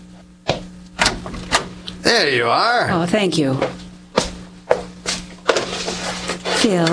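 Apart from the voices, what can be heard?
door being opened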